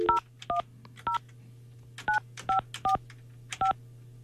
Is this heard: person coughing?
no